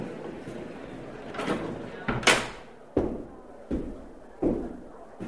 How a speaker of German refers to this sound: Tür.